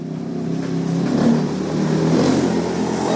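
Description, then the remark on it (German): A motorcycle engine runs, holding a steady, throaty drone that swells slightly as it revs, loud and continuous throughout with no voices, as its rider sets off over unpaved, sandy roads to a settlement at the edge of a town. “Nach seinem letzten Patienten steigt Givasoa Rakutu Arivu auf sein Motorrad.”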